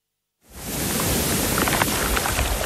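Rolling sea waves splash and tumble over sand and shingle in a loud, steady, hissing rush that starts suddenly after a short silence and holds without a clear break. No one speaks.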